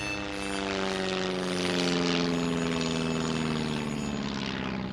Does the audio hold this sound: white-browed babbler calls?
no